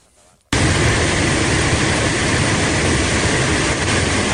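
After a brief quiet moment, a loud, steady roar of floodwater rushing with enormous force down the Palós ravine in Santa Bàrbara in the early morning bursts in and holds constant, a dense hiss-and-rumble of churning water with no pauses.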